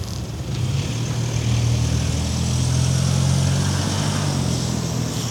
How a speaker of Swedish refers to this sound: Ja, vi hörde motorljudet där när han körde iväg.